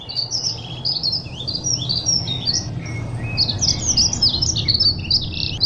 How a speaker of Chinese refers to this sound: 山谷中的鸟鸣声此起彼伏，宣告着春天的临近。